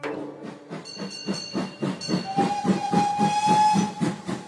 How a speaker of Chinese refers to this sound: 从埃及和卢克索开过来的火车晚了大约20分钟，最后火车总算进站了。